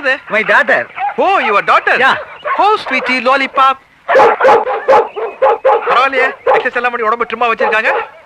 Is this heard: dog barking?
yes